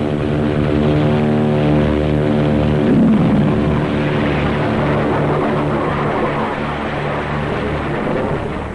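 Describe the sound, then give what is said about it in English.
A propeller plane drones loudly with a steady harmonic engine hum, then a harsh rocket-like roar surges in about a third of the way through as it takes off from a 300-foot runway, boosted by four JATO rocket bottles attached to it, sustained to the end. “In the critical 10 seconds of takeoff, they give the kick-up of 2 added engines.”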